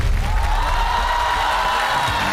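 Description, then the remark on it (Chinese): A crowd at a live singing show applauds and cheers to welcome two singers onto the stage, a dense, steady wash of clapping with shouts mixed in, loud and unbroken for the whole couple of seconds. “接下来呢，就到了我们万众期待的无双曲的演绎，用最热烈的掌声欢迎他们登场！”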